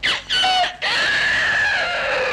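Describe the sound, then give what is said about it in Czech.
A person loudly imitates a rooster's crow as a 6 o'clock radio time signal: two short rising calls followed by a long, strained, drawn-out wail that fades at the end, with no other sounds. “Tak já mu povídám, počkej, tak klidně, já ti toho kohouta zaimituju.”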